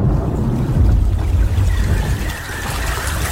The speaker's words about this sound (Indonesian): Teriakan penyesalan Dedap tenggelam dalam gemuruh suara petir dan gulungan ombak yang dahsyat.